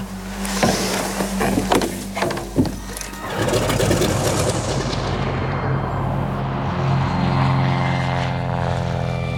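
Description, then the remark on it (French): A propeller airplane drones, its engine steady and loud with a throbbing hum, after a few sharp mechanical bangs at the start as the aircraft comes in to land at Barcelona, Spain, in early May 1945. “Début mai 1945, Pierre Laval s'apprête à atterrir à Barcelone.”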